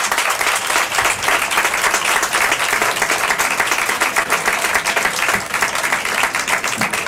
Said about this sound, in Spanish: No he hablado para que se escuchara bien ese aplauso, esa ovación en la que ha roto todo este público que espontáneamente ha empezado a congregarse aquí ante nuestro set.